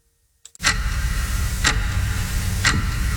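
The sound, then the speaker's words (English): A clock-like ticking sound effect: three crisp, evenly spaced ticks about a second apart, loud, over a constant low background hum. “That sound, it's not a clock. It's how long you've been thinking about updating your kitchen.”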